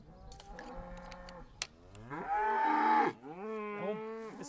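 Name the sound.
cattle mooing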